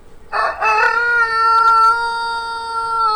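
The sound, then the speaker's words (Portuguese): A rooster named Galo Papudo, owned by Acilo Severo, crows once on the Jornal FM radio show Bom Dia 104. It gives a loud, drawn-out cock-a-doodle-doo with a sharp start and a long sustained wavering note, alone without any talking. “coloca aí o Galo Papudo, dá o seu bom dia também aqui pra nós, do Bom Dia 104.”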